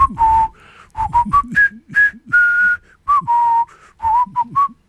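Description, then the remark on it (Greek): A jaunty march tune from a war film, the tune whistled by prisoners of war, whistled loud and clear in short, bouncing phrases with a steady marching rhythm, backed by a low, thumping accompaniment underneath. “Αυτό το τραγουδάκι, έτσι, αυτό το σκοπό που σφυρίζαν τότε οι εχμάλωτοι.”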